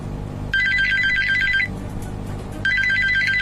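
A telephone rings at 2 a.m. on a winter night in 2015, in two electronic bursts of rapid warbling tones, each about a second long with a pause between, loud over a low background hum.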